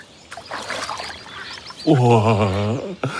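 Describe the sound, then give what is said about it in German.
Soft splashing and sloshing water for a second or so, as if someone steps in slowly, followed by a loud, wavering vocal sound. “Ob ich mich auch hineinwage?”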